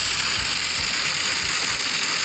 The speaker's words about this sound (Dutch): En over het weer gesproken, ik zeg het al, ik reed dus terug. En het goot met bakken uit de hemel. Echt niet normaal. Ik zal even... Ja, je gaat het niet geloven, maar zo klonk het dus in mijn auto.